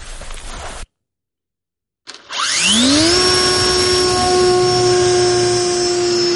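A drone aircraft's propeller motor starts for launch in wind, after a short burst of rumble and a second of silence, its whine sweeping quickly upward in pitch, then settling into a loud, steady, buzzing hum.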